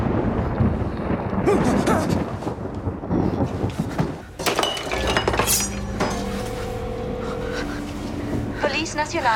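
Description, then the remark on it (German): Rumbling thunder rolls under a dense storm texture, joined by sharp crackling and clinking bursts, then steady electrical hums and tones ring out before a final wavering whine, as storm electricity brings Audrey to life like Frankenstein. “Doch dann, so wie einst Frankenstein von Gewitterelektrizität zum Leben erweckt wurde, geschieht es nun wundersamerweise auch mit Audrey.”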